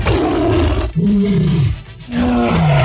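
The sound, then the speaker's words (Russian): An Amur tiger at the Sigulda zoo roars loudly, a deep, rumbling growl rising and falling in a few drawn-out bursts separated by brief pauses, with no voices present. “Такой кошечка маленькая, амурские тигры теперь в Сигулском зоопарке.”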